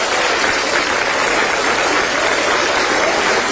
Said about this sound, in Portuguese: Senta, amados. Palmas bem forte, louva ao Senhor.